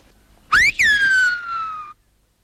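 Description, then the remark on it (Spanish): A loud, clear whistled call in the silbo whistled language: a sharp upward sweep, a brief break, then a long tone gliding slowly downward before cutting off, with no voices. “Ya estamos otra vez con los silbos.”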